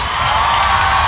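A dense, steady wash of crowd applause and cheering, loud and unbroken for about a second, with no single voice standing out.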